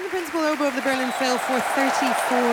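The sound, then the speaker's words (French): An orchestral concert audience claps steadily in a dense, crackling wash after a performance of a 4th symphony composed in 1877, while conductor Kirill Petrenko has the soloist sections stand in turn; a voice talks over it, its pitch rising and falling above the continuous applause. “Et ces applaudissements que vous entendez sont ceux des pupitres qui étaient solistes dans la 4e symphonie et que Kirill Petrenko fait lever tour à tour.”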